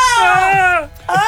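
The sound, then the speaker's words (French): A voice imitates a faraway cry of despair while telling a story: a long high-pitched whine that slides downward, breaks off briefly, then starts again, loud and sobbing like a crying infant. “C'est un cri de détresse,”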